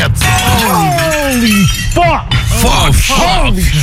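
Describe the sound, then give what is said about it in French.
A python breaks the glass of its vivarium: glass shatters in a loud, sustained crash with bright crackling debris, while voices shout and cry out over it in rising and falling exclamations. “Il a pété la vitre et l'américaine était là.”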